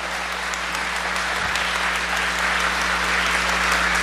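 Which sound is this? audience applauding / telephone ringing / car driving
audience applauding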